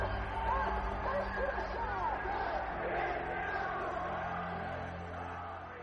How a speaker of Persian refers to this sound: در حالی که شاه دوران بهبودی رو پشت سر میذاره، تنها صدایی که در اتاقش میپیچه فریاد دانشجوهایی که براش آرزوی مرگ میکنن.